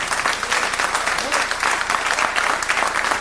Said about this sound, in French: On peut les applaudir.